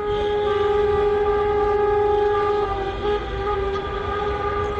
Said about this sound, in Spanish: Decía yo esta mañana que estos sonidos de claxon podrían parecer, bueno, pues la celebración del Mundial, pero nada más lejos de la realidad. Se trata de una manera de protestar de las autoescuelas andaluces porque sigue el retraso en los exámenes.